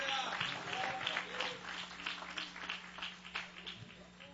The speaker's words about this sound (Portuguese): Você que pode aplaudir a Jesus, ele é digno de honra, glória e louvor.